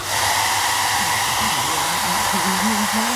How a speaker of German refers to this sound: Also Leute, ich habe noch nie einer Hyäne beim Föhnen zugeschaut.